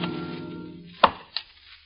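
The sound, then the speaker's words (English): Two sharp, solid thwacks of an axe biting into a log, about a third of a second apart, clear, following a fading sustained musical tone. “Of log cabins built in the wilderness.”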